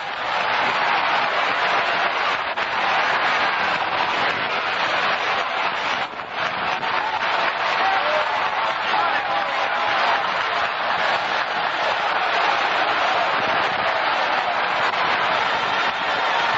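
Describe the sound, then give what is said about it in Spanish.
A large audience applauds the Lord steadily and loudly at an evening church service, a dense, unbroken wash of clapping with no voices standing out above it. “Démele un aplauso al Señor esta noche.”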